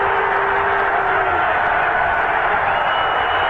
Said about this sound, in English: So the crowd, you think they just clinched the pennant. They're cheering here.